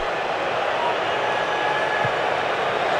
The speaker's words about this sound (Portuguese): E agora mais vaias. Ouça o microfone, Bandeirantes.